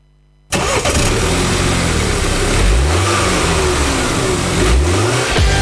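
A car engine starts abruptly after a brief silence, then roars loudly and steadily, revving up twice with rising pitch sweeps. The engine dominates throughout, with no voices.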